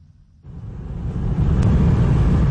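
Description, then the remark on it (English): A dense, low rumble of cars in heavy traffic, queued for kilometres on the single bridge connecting Crimea to the Russian mainland as they try to leave the peninsula, rises suddenly and swells steadily louder, a continuous roadway drone with no voices. “On the single bridge that connects Crimea to the Russian mainland, traffic stretches for kilometres as cars try to leave the peninsula.”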